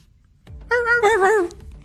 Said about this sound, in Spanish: El perro salió corriendo llorando del miedo.